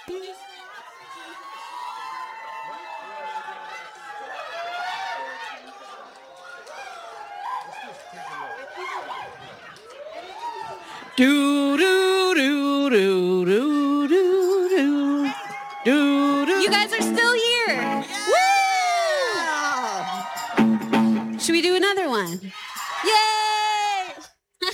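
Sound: concert crowd cheering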